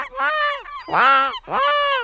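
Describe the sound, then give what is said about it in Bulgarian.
A voice mimics a seagull with three loud, nasal squawking cries in quick succession, each rising and falling, with no other sounds around them. “Айде, айде, ти като го правиш, всички разбираме, че е чайка.”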